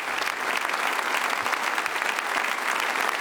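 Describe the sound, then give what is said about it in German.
A large audience of guests applauds steadily for a man who has come down from the podium and stands before them making gestures of thanks, a dense wash of clapping hands that stays even and sustained throughout with no pauses and no voices standing out. “Ein Mann, der mit Würde und einer gewissen Grandezza jetzt den Beifall des Publikums abschließend entgegennimmt und jetzt auch erstmals lächelt.”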